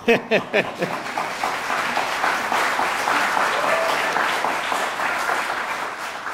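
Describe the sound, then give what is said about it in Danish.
A festival concert audience applauds steadily, a dense wash of many hands clapping, with a few louder claps standing out at the start before it settles into a sustained, even ovation. “Og jeg kan høre, at I allerede er rigtig gode til at klappe.”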